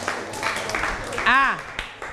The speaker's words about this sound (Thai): แต่นักเรียนเก่งมากเรียนสามารถอ่านได้อันนี้ชื่นชมปรบมือให้ตัวเองหน่อย